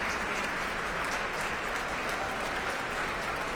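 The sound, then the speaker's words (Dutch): Steady, sustained applause at a concert with the Concertgebouw Orchestra, for a South Korean performer who comes back to receive it, the orchestra's musicians also applauding; a dense wash of many hands clapping at an even loudness throughout, with no voices standing out. “En daar komt hij nogmaals om dit applaus in ontvangst te nemen.”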